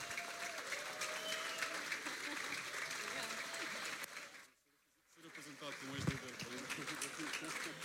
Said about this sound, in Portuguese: Vamos a isso, uma grande salva de palmas.